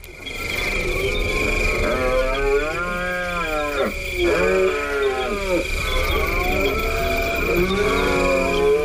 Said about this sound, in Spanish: Pues estamos hablando, yo creo que de uno de los más conocidos, que es el entusiasmo del ciervo en la berrea, ¿verdad, Paco? Sí, ellos también tienen mucho entusiasmo, porque es la época del celo, del apareamiento